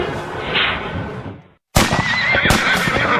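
A horse at Sundance Riding Stables whinnies loudly, a shrill wavering neigh after a brief silence, with scuffing and outdoor background noise before it.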